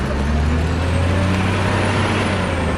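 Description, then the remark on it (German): A wheel loader in a quarry loads stone for making chalk onto a truck: a loud, steady diesel engine drone with a deep low hum and broad noisy roar that stays constant throughout, with no voices. “Im Steinbruch wird der Stein mit einem Radlader auf einen Laster geladen.”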